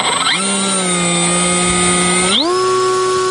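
Small reconnaissance drone motors spin up with a rising whine as a crew commander of the 151st separate reconnaissance battalion launches it, hold a steady high-pitched buzz with strong harmonics, then ramp up sharply in pitch near the end. Loud and continuous, no talking.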